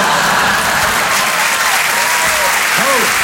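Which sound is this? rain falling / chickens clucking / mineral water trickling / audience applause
audience applause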